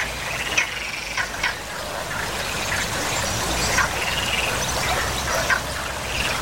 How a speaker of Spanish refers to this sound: Ahora nos despedimos con ese sonido de las ranas que poblaban esa boca del túnel de la engaña.